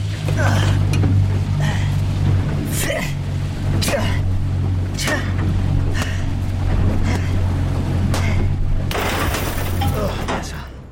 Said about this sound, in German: Alle Anzeigen sind blockiert. Das Boot rast auf direktem Kurs zurück zum Resort.